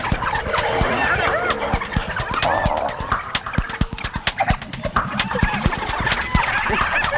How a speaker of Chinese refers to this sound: 又来了一只，现在有四只了。刚刚来的那只斑鬣狗地位比较低，斑鬣狗自己打起来了。